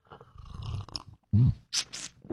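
A loud morning slurp of coffee, neither too warm nor too cold: a wet sucking draw followed by short airy, hissing sips and a swallow, with no talking.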